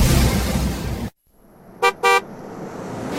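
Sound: car horn honking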